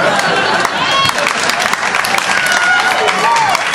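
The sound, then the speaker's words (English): Steady audience clapping, dense and continuous for a few seconds, with scattered voices and laughter mixed into the applause; a woman in the audience is laughing and clapping. “She's laughing, she's clapping, she's not yelling anything.”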